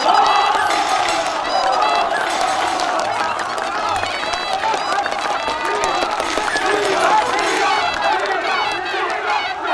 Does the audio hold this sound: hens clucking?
no